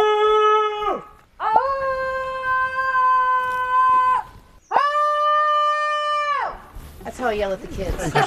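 People shouting into the woods: three long, loud, sustained yells held at a steady pitch, each lasting a second or more, then a burst of shorter, wavering cries overlapping one another.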